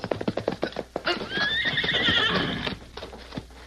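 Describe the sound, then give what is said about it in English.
A loud horse whinny rises and shakes for about a second and a half as a rider urges his cayuse on in a chase, framed by quick rhythmic hoofbeats clopping before it and a few scattered clops after. “Get up there, you ornery cayuse!”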